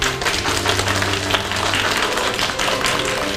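A classroom full of people applauds, a dense, steady patter of many hands clapping at an even loudness for several seconds, with no one speaking over it.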